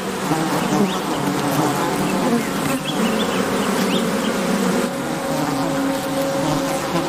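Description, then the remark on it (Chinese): A dense, steady drone of many honeybees, prey of crested honey buzzards, buzzing continuously and fairly loudly throughout, with a layered hum and occasional higher whines as individual bees pass. “凤头蜂鹰生来就善于捕捉危险的猎物，它们不仅捕食胡蜂，蜜蜂也是它们的目标之一。”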